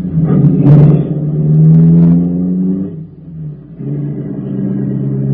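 A car engine revs up and pulls away as the car sets off to drive once around the block before hitting a bank, its low rumble rising and falling in pitch as it accelerates, with a brief dip before the engine note climbs again steadily.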